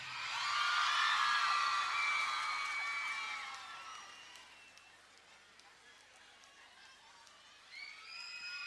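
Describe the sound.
A loud burst of many overlapping voices shouting and cheering at once, fading into a quieter murmur of crowd noise before a few shouts rise again near the end.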